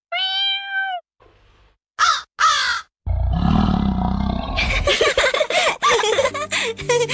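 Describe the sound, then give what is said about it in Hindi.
A person's voice imitates animal calls: a drawn-out cat meow, two short harsh crow caws, then a rough, growling lion roar that breaks into a loud, rapid series of throaty bursts, strong. The imitations are shown while planning a small play of bird and animal sounds. “मुझे बिल्ली, कौवे और शेर की आवाज निकालनी आती है।”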